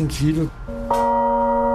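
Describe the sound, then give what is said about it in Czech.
A newly cast large bronze bell is struck once and rings on with a steady, full hum of overtones, loud. A voice speaks briefly just before the strike. “Já vnímám jediný hluboký úder.”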